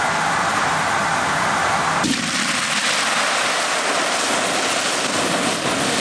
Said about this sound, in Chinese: 牛肉滑油，这又是什么菜？